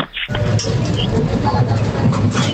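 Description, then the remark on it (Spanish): A bottle recycling machine hums and whirs steadily as a glass bottle is passed over its barcode reader, with a few brief high-pitched chirps over the low, continuous mechanical drone. “Ese sería al pasar el vidrio por el código de barras, ¿no, Francisco?”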